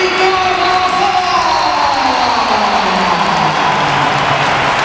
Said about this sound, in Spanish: Entra Bellingham. Y ahora va la ovación para Carvajal.